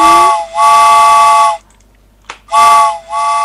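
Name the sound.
steam train whistle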